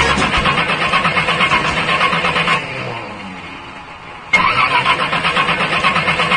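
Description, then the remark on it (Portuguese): A car engine cranks loudly and rhythmically without catching, stops for a couple of seconds, then cranks again with the same churning, failing whir. There is no talking. “tá desse jeito o motor do carro, não pega de jeito nenhum.”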